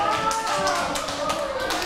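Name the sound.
children clapping hands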